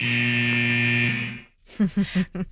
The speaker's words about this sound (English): So that iconic hockey buzzer at the end there. Totally. And they were standing next to a rink, just to paint that picture a bit more.